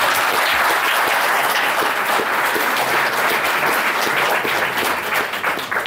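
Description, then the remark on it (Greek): Sustained audience applause at a book presentation, applauding the woman who edited the book, a dense wash of many hands clapping steadily at a fairly loud, even level for several seconds, with no talking over it. “Και θέλω πάλι να την χειροκροτήσει το παρακαλώ.”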